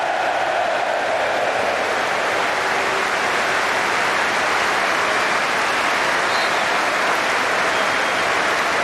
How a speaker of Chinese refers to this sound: 无论是水晶宫的球迷还是阿森纳的球迷，都对埃泽报以热烈的掌声。